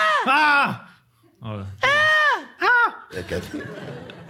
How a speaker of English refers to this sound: A little girl's in a play yard. Ein kleines Mädchen auf dem Spielplatz. She starts to scream. Fängt an zu schreien.